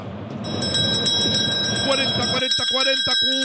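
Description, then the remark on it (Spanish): A bright, metallic bell rings continuously and loudly over a low rumble, its clanging tone sustained throughout, with a voice briefly coming in near the end. “Tócame la campana.”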